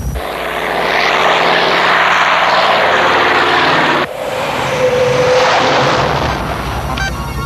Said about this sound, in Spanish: Enciendo turbinas.